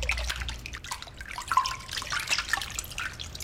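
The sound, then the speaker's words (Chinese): Pork tripe is rinsed clean in clean water in a basin: water splashes and drips steadily as it is swished around, with irregular watery sloshes and trickles over a low background rumble, and no voices. “3分钟之后放入清水中漂洗干净”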